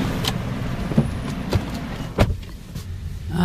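A white Hyundai sedan in an underground car park: a low engine rumble with a few sharp clunks and handling knocks, like doors and fittings, with no talking.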